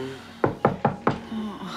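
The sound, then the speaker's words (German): Four quick, evenly spaced, firm knocks rap on a door over a faint steady background hum. “Geh bitte nicht an die Tür, bleib hier.”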